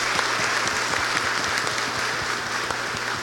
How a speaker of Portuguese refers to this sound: Uma salva de palmas, né?